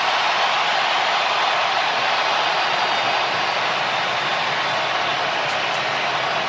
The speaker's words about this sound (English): Just hearing the crowd in an absolute frenzy for him taking the pitch. Wasn't him scoring yet, which we'll get to here in a second, but just his mere impact, or just his mere presence in the game, got folks to go bonkers.